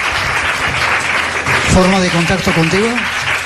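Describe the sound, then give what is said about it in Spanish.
A steady burst of audience applause for two people fills the whole stretch, dense and fairly loud, with a voice speaking briefly over it partway through. “Os pido un aplauso para ellos dos.”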